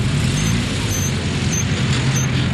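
Steady rumble of idling cars queuing for fuel in a line over 100 meters long at a gas station in Brazzaville, a dense low engine drone with faint high squeaks recurring every half second or so, no voices.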